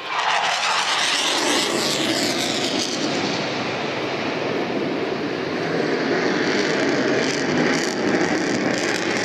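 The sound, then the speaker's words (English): A loud aerobatic plane's engine roars overhead, its pitch sweeping as it banks through a tight turn over the crowd at Mindle Beach at sunset, pulling over 7 G, a continuous broad rushing drone with no voices. “Yes, the sun is setting over Mindle Beach and we can see the plane almost on its half axis, pulling over the crowd, pushing up.”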